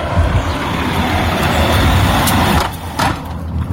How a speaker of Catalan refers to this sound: Ajunte un àudio per a que es veja lo molest que és cada vegada que passa un cotxe.